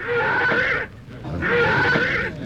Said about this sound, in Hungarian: Nézd csak, Jusszuf lova megbokrosodott. Levetette gazdáját.